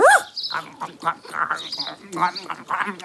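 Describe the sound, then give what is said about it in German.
A dog eats a liver sausage biscuit given as a reward: a quick high whine, then steady, rhythmic chomping and smacking bursts, fairly loud and continuing for a few seconds. “Einen fressenden Hund darf man niemals stören.”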